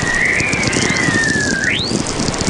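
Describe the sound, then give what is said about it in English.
An eerie radio whistler tone linked to the northern lights drifts slowly downward in pitch, then swoops sharply upward near the end, riding over a steady wash of crackling static hiss. “And the British telegraph operators started hearing these strange whistling tones in their headphones.”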